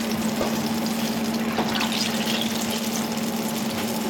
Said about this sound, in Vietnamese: Những miếng cà tím đang nóng hổi trong dầu tại Li Ho Phúc, một nhà hàng Trung Quốc hiện đại ở Melbourne.